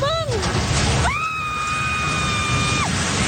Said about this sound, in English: That scream of horror as a building housing a fast food outlet and three radio stations collapsed into the southern city of General Santos. It's just one of the many destroyed structures.